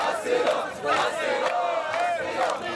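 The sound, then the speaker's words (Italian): A crowd of migrants shouting in protest at an open-air camp on the Trampolin beach, between the sea and the mountains. Loud, overlapping cries rise and fall in waves, many voices merging into a continuous protest roar with no single speaker standing out. “la spiaggia da settimane un accampamento a cielo aperto, l'odore dei corpi ammassati giorno dopo giorno, gli uni vicino agli altri, tra il mare e la montagna e senza servizi igienici, è fortissimo e iniziano a scattare le proteste.”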